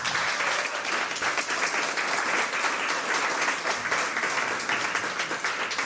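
Sustained applause from a crowd, a steady wash of many hands clapping at an even, fairly loud level for several seconds, with no voices rising above it.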